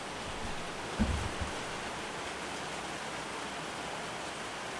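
A heavy downpour of rain falling over the Patía tourist viewpoint in Nariño hisses steadily and evenly throughout, a dense wash of noise with one brief low thump early on and no voices.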